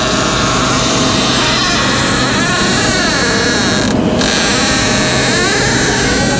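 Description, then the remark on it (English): A creaky, squeaky door swings open with a long, loud, drawn-out groan, its pitch wavering and bending up and down in whining, almost cry-like squeals over a rough grinding undertone. “Can we listen to this squeaky door that Juan sent us?”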